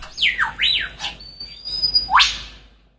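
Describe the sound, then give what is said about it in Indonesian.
Bird-of-paradise (family Paradisaeidae) calls: a few loud, swooping whistles that slide sharply down and up, clear, with a thin, steady high whistle running between them and no voices. “Burung cendrawasih atau dalam bahasa ilmiahnya famili Paradisaidae adalah salah satu kelompok burung yang terkenal karena keindahan bulunya dan ritual perkawinannya yang unik.”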